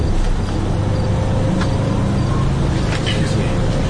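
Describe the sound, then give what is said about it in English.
A city bus rumbles steadily amid street traffic, a loud continuous low engine drone with brief higher clatters and an indistinct murmur of voices underneath. “this bus goes back to the Green Line or the L at all?”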